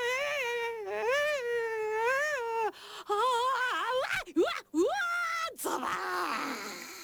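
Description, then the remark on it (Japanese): A person screams while sliding down a fairly tough water slide: a long, loud, wavering cry that rises and falls in pitch, breaking briefly into shorter yelps and gasps before a final rising shriek. “いい絶叫聞こえたな。”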